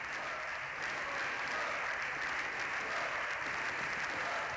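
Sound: applause in parliament chamber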